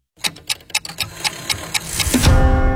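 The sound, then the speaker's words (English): A clock ticks steadily, about ten crisp, evenly spaced ticks, before a louder swelling rush of sound takes over at the end. No one speaks. “The clock strikes dinner, and suddenly it's all you can think about.”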